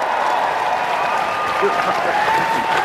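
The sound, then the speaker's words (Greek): Steady applause from a crowd for a contest winner fills the whole moment, a dense wash of many hands clapping at constant loudness, with faint voices mixed underneath. “Βάρτε ένα χειροκρότημα του νικητή, ρε κομπάρε, της περασμένης εβδομάδα, ρε κομπάρε, 3-5.”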